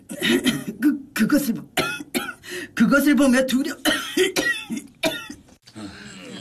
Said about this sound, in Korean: 뭐야? 대사를 하다가 기침하면 어떻게 돼?